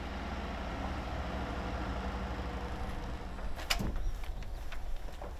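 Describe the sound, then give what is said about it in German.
A delivery truck bringing ordered goods reverses up a dune to the Beach House in Westerland on Sylt, its engine a steady, low, labouring drone throughout, with a sharp metallic clunk and brief rattling near the end. No one speaks. “Der Weg zum Beach House, eine echte Herausforderung für jeden Lkw-Fahrer.”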